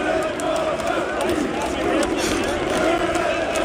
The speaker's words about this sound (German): Und auch die Fans hatten ganz offensichtlich Spaß und haben gesungen. Na, was singen die da?